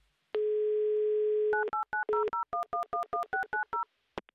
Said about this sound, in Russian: Я сейчас буду набирать ваш номер.